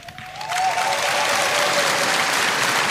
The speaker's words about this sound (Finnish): Näin juuri he ovat aplodinsa ansainneet, aivan kuten on myös Samuli Jokisen johtama loistava tango-orkesteri.